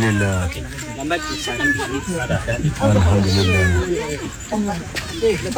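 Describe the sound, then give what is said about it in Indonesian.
A kitten meows repeatedly in high, wavering cries that rise and fall, fairly loud, while people's voices murmur underneath, during a rescue of the kitten at a food shop on the bank of the Sarawak River. “Syukurlah usaha menyelamatkan anak kucing itu berjaya dan semuanya selamat.”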